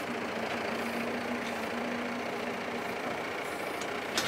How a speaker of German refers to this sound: Wir fahren mit zwei Treckern, weil er halt nicht stehen bleiben kann ewig.